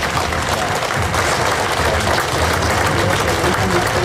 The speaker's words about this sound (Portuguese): Um momento simbólico na despedida, acompanhado também pelos aplausos de quem marcou presença neste último adeus.